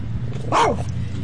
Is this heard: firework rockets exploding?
no